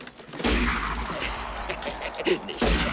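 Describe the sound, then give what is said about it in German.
A sudden loud volley of gunshots, fired at an animal, erupts as a dense rattling burst with a rumbling tail, then a couple more sharp cracks near the end. No voices are heard. “Nicht schießen, verflucht, den hab ich mir gesagt.”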